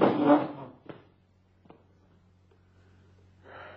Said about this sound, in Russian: В гардеробе стоит огромный дорожный чемодан. Она его выволакивает оттуда и оттаскивает к двери.